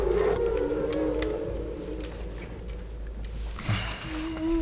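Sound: whale vocalization recording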